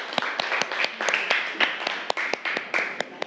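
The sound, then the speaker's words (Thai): A classroom of students claps together in a steady burst of applause to encourage a classmate who is about to present the group's discussion results, with sharp individual claps standing out over a continuous patter of hands, lasting a few seconds at moderate loudness. “ทีนี้เดี๋ยวครูจะให้ตัวแทนกลุ่มที่1นะนำเสนอผลการอภิปรายกับเพื่อนเมื่อสักครู่นี้นะคะอ่ะปรบมือให้กำลังใจเพื่อนหน่อยเร็ว”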